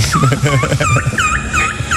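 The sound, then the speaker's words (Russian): A person who took second place in a turkey-call imitation contest imitates an adult turkey's gobble with a rapid series of loud, warbling, rising-and-falling calls that repeat in quick bursts for about two seconds. “Ну, если ты не знала, это так индейка звучит.”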